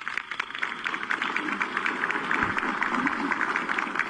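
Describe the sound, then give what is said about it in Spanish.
Sustained applause from an audience at a Peruvian government ceremony honouring a suboficial, a dense, steady patter of many hands clapping at an even level for several seconds, with no one speaking over it. “Un aplauso, por favor, para él.”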